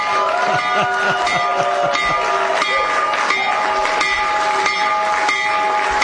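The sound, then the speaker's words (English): A stock exchange opening bell, rung by the President as the markets open, rings steadily for several seconds, its bright sustained tone carrying over a noisy crowd with scattered clapping and cheering. “When the markets open in just a few minutes, Trump accounts will benefit. So ring the bell, Mr.”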